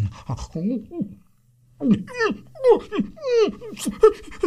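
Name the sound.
dog whimpering and panting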